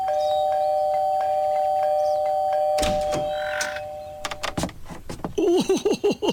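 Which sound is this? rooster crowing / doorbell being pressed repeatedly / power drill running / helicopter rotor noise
doorbell being pressed repeatedly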